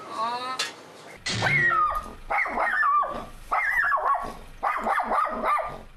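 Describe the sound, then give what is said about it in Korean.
A dog named Garu barks and yelps, calling for its owner, in a series of high, whiny, wavering calls, four or five bursts in an uneven rhythm, loud and anxious-sounding, with a brief thump before them. “이거 짖고 있는 거예요?”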